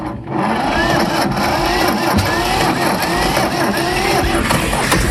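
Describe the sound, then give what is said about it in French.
A small old green petrol tractor engine catches almost at once and settles into a loud, steady, rapid chug, with faint background voices beneath the clatter. “Allez, on teste un autre tracteur, le petit vert.”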